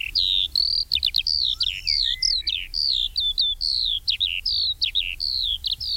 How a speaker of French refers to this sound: L'alouette des champs, j'ai les chiffres pas loin, on est sur moins 32% sur les 30 dernières années. Ça, c'est à l'échelle nationale.